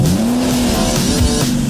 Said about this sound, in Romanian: Start motoare!